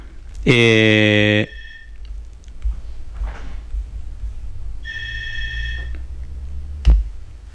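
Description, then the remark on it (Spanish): A telephone rings with a loud, buzzing electronic tone lasting about a second, then a second, fainter ring follows a few seconds later over low background noise. “¿Tenemos teléfono? ¿Aló? ¿Aló?”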